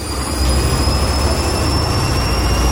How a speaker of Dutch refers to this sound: Ja, echt zo'n wasmachine die gewoon helemaal opstijgt. Dat is echt vet.